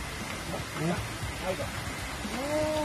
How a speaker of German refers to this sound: Tja, inzwischen ist es dunkel geworden im Regenwald. Es hat auch angefangen zu regnen. Wir sitzen jetzt hier im Unterstand und hören dem Regen zu und den Geräuschen des Urwaldes.